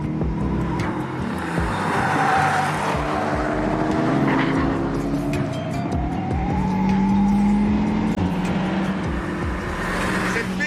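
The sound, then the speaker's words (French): A Mégane RS race car's engine roars continuously, revs rising and falling in sweeping tones as it laps a circuit, with brief tire squeals and rumbling over curbs. “Il était déjà bien sur la Mégane RS, mais là, vu qu'il était totalement optimisé, on est vraiment dans une voiture de course. Attention au vibreur.”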